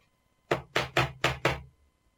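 Five loud, evenly spaced bangs on a wooden door in a quick, steady rhythm, each hit deep and hollow, followed by silence with no voices.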